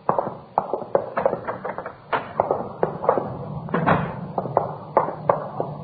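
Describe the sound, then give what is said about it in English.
A door that connects to a coffee shop being opened and shut, with a rapid, irregular run of wooden clunks and thumps, some sharper than others, filling the few seconds with no one speaking. “You can use that door right here. It connects to the coffee shop.”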